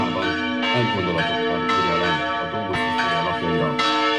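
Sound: church bell ringing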